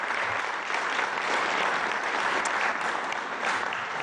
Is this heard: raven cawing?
no